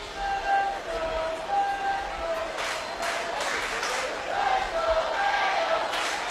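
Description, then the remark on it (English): A large baseball stadium crowd in Ohio cheers and roars steadily during a game, swelling in bursts midway, with thin sustained tones like horns or whistles sounding over the din. “And that Ohio crowd's much more active now than they were a half hour ago.”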